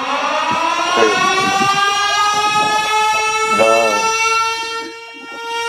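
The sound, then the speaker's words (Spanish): A loud, sustained siren wails steadily for several seconds, its tone holding nearly constant, as the gates close at the regional centre in Castellón during an election, while a large crowd gathered there murmurs and voices chatter underneath. “Suena la sirena y una muy buena cantidad de gente que está aglomerando aquí en el centro regional de Castellón.”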